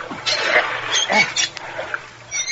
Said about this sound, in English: help me open the car door, Florio. Yeah, Danny. It's stuck. All that river water rusted the lock.